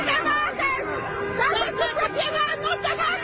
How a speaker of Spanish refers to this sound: Pero en segundos, los agentes terminan rodeados, no por oficiales, sino por vecinos. Es la patrulla comunitaria de Ventura, con silbatos, bocinazos y gritos.